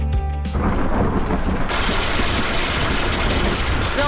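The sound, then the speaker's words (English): A loud thunderstorm with hail, a dense, steady roar of pelting precipitation and low rumbling that swells after a brief tonal hum at the start, with no voices. “A recent hailstorm means you can save big on new Hyundai vehicles”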